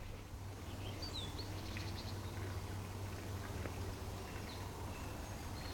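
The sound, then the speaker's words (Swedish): Faint birdsong with a few scattered chirps and short whistled calls over a steady outdoor hiss and a low hum, with no voices. “Och lyssna här, fåglarna.”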